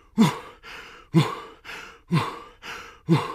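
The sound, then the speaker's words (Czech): A voice imitates loud, heavy huffing and panting: six strong breathy puffs alternating in a steady in-out rhythm, forceful, with no talking. “A jak tak jdou na ten večerníček, uslyší všichni nějaké hrozné funění.”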